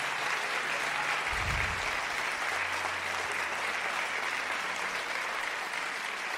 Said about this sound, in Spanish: Dale un aplauso al que está cerca, al que está allá arriba en los cielos. Pero fuerte, fuerte, fuerte. Dale fuerte ese aplauso al Señor.